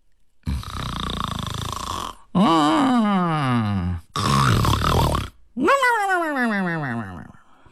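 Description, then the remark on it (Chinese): A voice imitates the loud, coarse, rustic snoring of a drunken Liu Laolao sprawled asleep on Baoyu's bed in Yihong Court: four drawn-out, rumbling snorts in close succession, each sliding downward in pitch, with short pauses for breath between them. “喂呀，这呼噜打得挺充实啊，乡土气息挺浓厚啊。”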